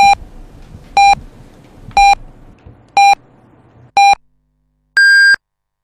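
Five short, evenly spaced electronic beeps one second apart, followed by a longer, higher-pitched final tone, a radio hourly time signal marking 9 o'clock Beijing time on Shandong Radio and Television's general broadcast, loud and clear over faint background hiss.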